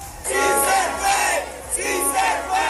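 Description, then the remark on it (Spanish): A large crowd of supporters of presidential candidate Iván Cepeda chants and cheers loudly and continuously at a polling station in Kennedy Occidente, Bogotá, many voices shouting together in a rising, rhythmic roar with no clear single speaker. “Aquí fue recibido por un grupo numeroso de simpatizantes que lo recibieron en medio de arengas y aplausos.”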